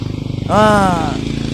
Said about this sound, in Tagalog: Nagalinaba yung mga motor. Ara lang sa kilid.